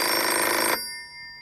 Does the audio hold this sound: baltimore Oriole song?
no